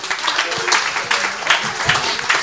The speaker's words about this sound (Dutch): Maar we zijn heel blij, dames en heren, dat we vandaag de schepen van Houtels op het moment waarnemend burgemeester mogen ontvangen. Geef hem een davend applaus, Erik Verbeuren.